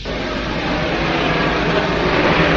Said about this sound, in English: Now the blowtorch.